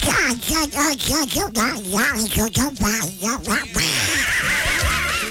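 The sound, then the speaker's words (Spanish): A person imitating a duck speaks in a squawky, nasal duck-like voice to send a greeting to a listener: a quick run of choppy quacking syllables for several seconds, fairly loud, before it trails into a rougher, breathy stretch. “Mándale un saludo a María José Cárdenas con la voz del pato que está escuchando desde bien.”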